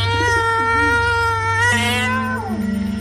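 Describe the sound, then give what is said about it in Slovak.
A cat on an upper roof beam lets out one long, drawn-out yowling meow, holding a steady, tonal pitch for about three seconds before sliding down at the end. No one speaks over it. “Šic, ty potvora! Chytaj myši a nestraž moje sestričky!”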